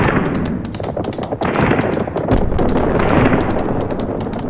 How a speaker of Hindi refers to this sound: किंतु दिल्ली वह तो रणस्थली भी रही है सदा से, सदा शत्रुओं से घिरी हुई, हमेशा रणवीरों के अश्वों की टापों को सुनती हुई, तेग तलवारों के टकराने और तोप के गोलों के फूटने की भयानक आवाजों के बीच खड़ी हुई।